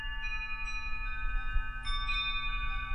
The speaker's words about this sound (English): Wind chimes started blowing on about five graves over. And that hadn't happened since I've been there. Because it was like just deadly hot.